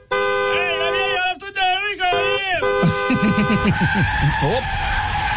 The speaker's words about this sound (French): J'aime donc ça, le Chinatown, hein? Il y a toujours du monde, il y a toujours de l'ambiance. Oh, que de l'ambiance. Mon frère, écoutez, attendez, je peux vous faire écouter l'ambiance.